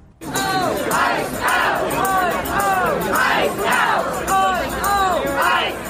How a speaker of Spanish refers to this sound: Al grito de fuera ICE, decenas de manifestantes se congregaron en el Bronx, en Nueva York, para exigir que el Servicio de Inmigración y Aduanas, conocido como ICE, salga inmediatamente de la ciudad y ponga fin a las redadas antimigrantes.